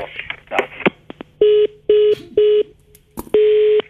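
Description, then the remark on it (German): Four steady telephone keypad dialing tones beep out one after another, the last held a bit longer, following a brief patch of clicking and handling noise. No one speaks. “Unsere Leitung war jetzt irgendwie unterbrochen.”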